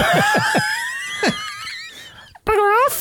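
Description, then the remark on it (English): Shrill, yelping dog barks and whines from dogs on television tumble out in a quick run, then a sharp wavering squeal ends the brief, fairly loud burst, with no talking. “Yeah, but you were dogs on the TV.”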